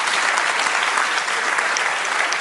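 Steady, loud applause from an audience, a dense wash of many hands clapping with no pauses and no voices standing out.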